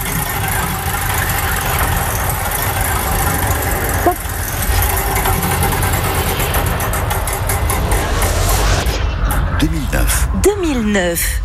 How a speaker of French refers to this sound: J'envoie la roue du temps, à vous de l'arrêter.